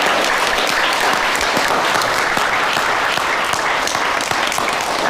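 A crowd of people at a welcome gathering for new Chinese opera students applauds steadily for about five seconds, a dense, even wash of many hands clapping at once, loud, with no voices standing out.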